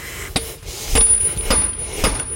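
Sharp metallic strikes ring out at an uneven pace, four clear hits with a bright high ringing tone between them, like a farrier hammering at a horseshoe.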